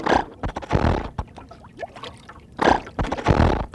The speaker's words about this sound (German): Auf was wartest du? Nun lass doch endlich den Motor an, damit wir weiterfahren können. Okay, okay.